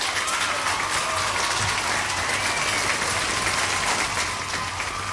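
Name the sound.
applause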